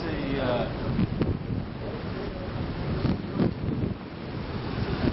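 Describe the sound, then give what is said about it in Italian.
Steady roar of sea waves and gusty wind at the shore, loud, with buffeting on the microphone and faint voices murmuring in the background. “Ed eccoci davanti al mare, si sente odore di mare e rumori di mare,”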